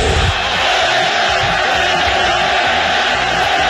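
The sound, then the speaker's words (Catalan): A huge crowd at El Molinón stadium during a World Cup match chants loudly in unison, shouting "fuera, fuera" in protest, the rhythmic shouting riding on a dense, continuous roar that fills the whole stretch without letting up. “El públic del Molinón, estadi que ja va néixer el crit a Siga en el Madrid, per tant gent que en sap, va reaccionar d'aquesta manera.”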